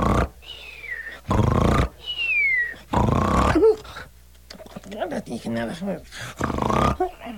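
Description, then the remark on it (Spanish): Three loud, rasping snores, each followed by a high descending whistle, as though a voice is imitating a cartoonish snore of an animal lying in the shade of a pirul tree with eyes closed and legs crossed. Softer throaty vocal noises follow. “Así que se echó a la sombra del pirul, cerró los ojos, cruzó las patas y al cabo de unos momentos, roncaba sonoramente.”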